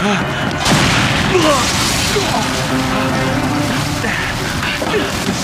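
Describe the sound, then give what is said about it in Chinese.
A chemical warehouse beneath a laboratory suddenly explodes: a large blast bursts in and becomes a sustained, dense roar with deep rumbling and crackling debris, loud, filling the whole scene for several seconds. “老师，报告老师，实验室下面的化学仓库突然发生爆炸，情况不明啊！”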